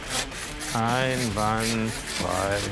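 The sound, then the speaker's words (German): A knife saws back and forth through food in a kitchen in three close, steady strokes, each with a rasping, slightly squeaky scrape over a soft background hiss. “Jetzt mal schön sägen, nicht drücken sägen.”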